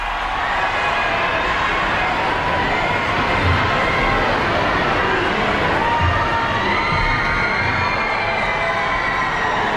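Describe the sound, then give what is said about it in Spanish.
A large crowd shouts and cheers continuously outdoors in the courtyard of Barcelona Cathedral as the Pope appears, a dense, steady roar of many voices with occasional louder swells, no single voice standing out. “Y ahora sí se puede escuchar los gritos del público que llevaba allí esperándole algunas horas desde esta madrugada.”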